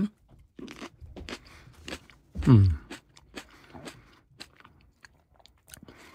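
Someone bites into and chews a Moroccan tomato to taste it: a string of crisp, irregular crackling bites over about six seconds, with a short low voiced murmur partway through.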